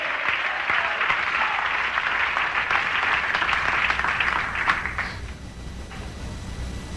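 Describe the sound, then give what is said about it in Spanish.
An audience claps together in gratitude to God in a steady, dense wash of applause that holds for about five seconds, then quickly fades into quieter murmuring room noise. “Dale un aplauso de gratitud a ese Dios.”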